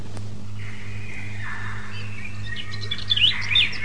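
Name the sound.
birds chirping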